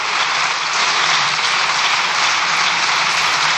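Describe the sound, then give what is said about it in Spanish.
Sustained applause from a large group of deputies in Spain's parliament during a government control session, a dense, steady wash of many hands clapping that stays loud and even throughout, with no voices rising above it. “Se extienden los diputados en el aplauso.”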